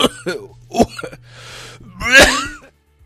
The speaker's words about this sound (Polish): Kurde, tylko się rozkaszlałem, bo jestem trochę chyba chory. Coś kaszlę tutaj, chrząkam, kaszlę. Jak knur.